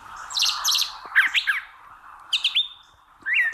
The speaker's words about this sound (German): Also solche Vögel, die können deswegen auch mal zwei verschiedene Töne quasi gleichzeitig erzeugen und gewissermaßen zweistimmig mit sich selbst singen. Und das hört sich dann in etwa so an.